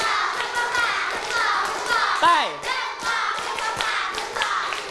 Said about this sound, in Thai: อีก1รอบปรบมือ5ครั้งมีเสียงเลยปรบมือ1ชุด